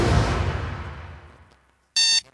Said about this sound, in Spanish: Otra vez el despertador. Vuelta a la rutina.